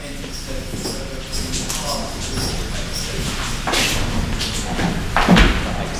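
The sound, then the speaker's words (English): A toilet cubicle door thuds shut a couple of times, the knocks sharp over a steady background of murmuring voices and room noise. “So let's open the door.”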